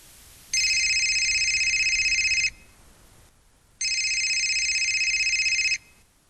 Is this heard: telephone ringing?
yes